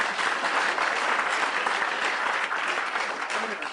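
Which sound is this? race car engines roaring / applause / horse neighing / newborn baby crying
applause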